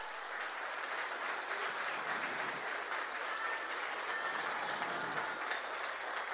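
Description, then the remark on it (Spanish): Steady, dense applause from an audience for the vice mayor, a continuous wash of many hands clapping at an even level for several seconds with no voices rising above it. “Un aplauso para la vicealcaldesa.”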